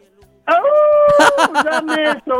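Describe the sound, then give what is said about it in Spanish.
A person imitates a howl up close, holding a long, steady wavering note before breaking into a few shorter, choppy yelps. “¡Me tienes que aullar al oído!”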